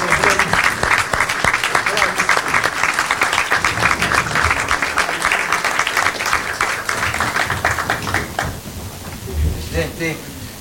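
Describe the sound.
Sustained audience applause, a dense crackle of many hands clapping loudly for about eight seconds, then fading out as a voice starts speaking.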